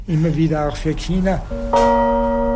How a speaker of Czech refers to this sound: Když nový zvon poslouchá Johannes, tak rozhodně neslyší to stejné, co já. Já vnímám jediný hluboký úder.